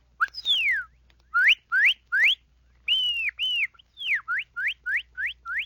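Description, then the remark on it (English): A person whistles an imitation of a cardinal's song: loud, clear slurred notes, a long downsweep, then repeated rising whistles in quick series, alone with no talking. “Here are a few of the scores of calls you can do when you learn the lessons I have given you. The cardinal.”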